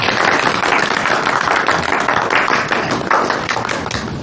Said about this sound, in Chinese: 哎，我们大伙儿给他们二位鼓掌好吧？